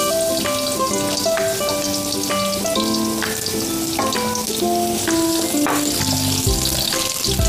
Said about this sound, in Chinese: 锅热了以后，倒油。油热了，倒入蒜片儿，爆香。